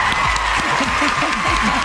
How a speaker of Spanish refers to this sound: Aplausos a mi comadre. ¡Aplausos!